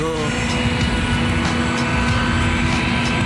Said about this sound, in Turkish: Uçak diyorum, uçak.